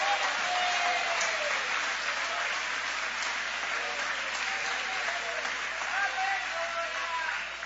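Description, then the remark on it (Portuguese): An audience applauds in a steady, dense wash of clapping that holds its loudness for several seconds, with scattered voices calling out over it. “Pode aplaudir, querem adorar, pode adorar.”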